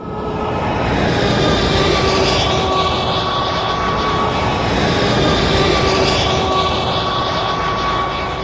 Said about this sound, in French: Le camion passe la frontière bulgare, sans le moindre contrôle, en tout cas pour l'instant. Maintenant, entrée sur l'autoroute.